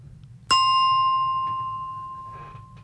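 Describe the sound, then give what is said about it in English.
A single bell strike rings out clearly, its bright metallic tone sustaining and slowly fading over a couple of seconds above a low background hum. “A bit of a bell to break things up.”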